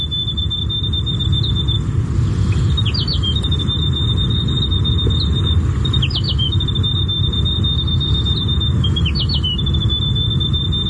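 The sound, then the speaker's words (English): A grey warbler (riroriro) sings a thin, high, sustained warble, breaking into quick twisting trills roughly every three seconds, over a steady low rumble; played as a station ident on RNZ National radio, New Zealand. “The Grey Warbler. Riro.”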